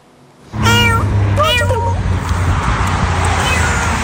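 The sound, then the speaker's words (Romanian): Cats meow loudly in a couple of drawn-out, overlapping calls against a steady background rumble and noise, then the meowing fades out and the ambient din continues, at a sanctuary where 600 cats are cared for. “Acum a construit un sanctuar în care sunt îngrijite 600 de pisici.”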